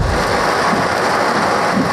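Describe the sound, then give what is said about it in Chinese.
Heavy rain pours down in a dense, steady roar with a low rumbling undertone like thunder, loud throughout, with no voices; a car dashcam recording on the Hong Kong-Zhuhai-Macau Bridge amid repeated lightning, during a Hong Kong black rainstorm warning. “有行车记录仪拍摄到港珠澳大桥上闪电连连。”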